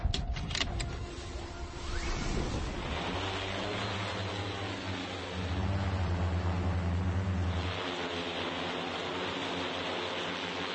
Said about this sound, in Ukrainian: Приблизно такий звук чує російська піхота, коли над нею зависає важкий дрон-бомбардувальник типу «Баба-Яга». Вона висить на висоті приблизно у півсотні метрів.